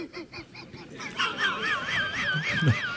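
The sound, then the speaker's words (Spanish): Loud, nasal honking calls from a purple swamphen, starting as a quick series of short honks, then turning into a sustained, wavering trumpeting cry, with no talking. “…, que Dios lo tenga en su gloria, por cierto, era Calamón de la Isla. Sí, porque tenía un canto parecido al del pájaro.”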